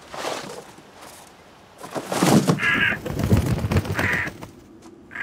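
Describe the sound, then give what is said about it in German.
A crow that has been sitting at a grave caws loudly, several harsh, raspy calls in an irregular series, with brief quieter gaps between them and no one speaking. “Ja, aber das ist ja dem Vogel wurscht.”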